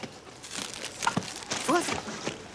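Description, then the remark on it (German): Crinkly plastic bag rustling as it is handled, with bursts of crackling over a couple of seconds and brief voices in the background. “Ich kann die Tüte nicht mehr halten.”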